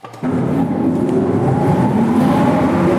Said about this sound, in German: Ein paar der Motoren für die ehemalige Entlüftungsanlage und Stromversorgung lassen sich tatsächlich heute noch anschalten im Artilleriewerk Simserhof. Das ist eine unterirdische Befestigungsanlage mit einem bis zu 30 Meter tiefen Tunnelnetz.